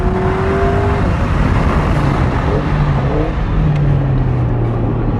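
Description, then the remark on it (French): A car engine roars loudly and continuously, its pitch climbing steadily as the car accelerates hard along the straight of a race circuit, with a dense rush of road and wind noise underneath. “Et une nouvelle fois, cette accélération sur la ligne droite.”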